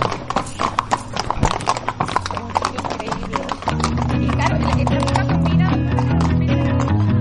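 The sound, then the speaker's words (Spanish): Steady clip-clopping of a horse's hooves on a hard surface as the horse is ridden in turns back and forth during a warm-up in Osuna, Spain, many sharp strikes in an even walking rhythm, with a louder steady drone joining the background about halfway through. “Dale unas cuantas vueltas al caballo para allá, para acá.”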